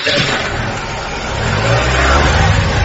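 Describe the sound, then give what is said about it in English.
A car engine revs loudly, its rumble building steadily as the car is driven off and accelerates away, with a broad roar of engine and road noise throughout. “And then, when they finally went for a break, he seized his moment, leapt into the car and drove off.”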